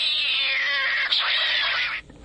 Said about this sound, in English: And Gatto, the studio cat.